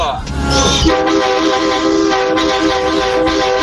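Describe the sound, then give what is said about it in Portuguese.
A loud, sustained horn blares continuously, its harsh layered tones holding steady for several seconds with a rough, brassy edge, dominating; a listener's honk from Cuiabá for the Band Coruja radio program. “Nossa, que buzina feia, velho.”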